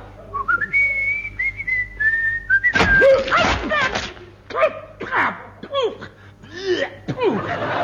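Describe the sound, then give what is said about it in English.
A person whistles a short, wavering high tune for a couple of seconds, sliding up and holding the note, then breaks off into bursts of laughter and snickering. “Stand on one leg and whistle.”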